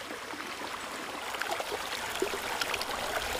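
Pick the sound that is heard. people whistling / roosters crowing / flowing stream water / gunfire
flowing stream water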